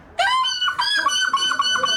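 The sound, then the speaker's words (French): A person mimics a gull's cry with a loud, shrill, wavering call, repeated in several harmonic-rich squawks for about two seconds, with no talking; the winning call at the final of the European seagull-cry championship in La Panne, Belgium. “Et précisément à La Panne, près de la frontière non loin de Dunkerque, la finale du championnat d'Europe du cri de cochon. Non, de la mouette.”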